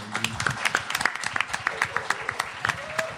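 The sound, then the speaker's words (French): An audience breaks into applause after listening to the piece 'Présage', a dense patter of many hands clapping at once that holds steady at a moderate level for a few seconds, with faint voices murmuring underneath. “On peut applaudir.”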